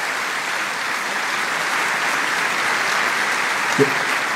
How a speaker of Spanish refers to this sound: Un fuerte aplauso de bienvenida a ustedes, santos hermanos.